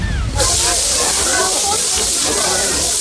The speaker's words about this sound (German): Dieses Rascheln. Ja, es raschelt. Was erzeugt dieses Rascheln? Und das hat mich gestern so fasziniert. Es ist Frischhaltefolie, die komischerweise raschelt.